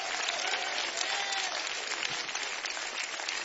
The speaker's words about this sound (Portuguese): Dê uma salva de palmas para o Senhor.